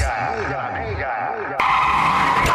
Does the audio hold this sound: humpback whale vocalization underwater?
no